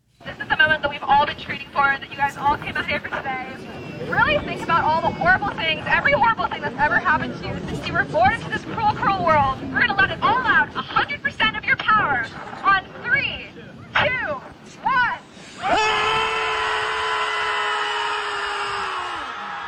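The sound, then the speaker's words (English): A crowd of over 100 people on a beach in San Francisco shouts and screams at the ocean, many voices overlapping in a loud, chaotic clamor, then swelling into one long sustained collective scream near the end. “Well, over 100 people gathered at the beach in San Francisco so they could scream at the ocean.”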